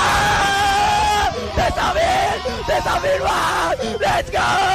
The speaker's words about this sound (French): Ce cri de joie